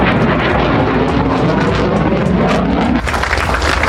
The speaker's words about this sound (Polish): Najpierw samoloty powitały się z Polską i przeleciały nad Gdańskiem, Warszawą i Krakowem, po czym wróciły do Łasku na oficjalną ceremonię przywitania samolotów.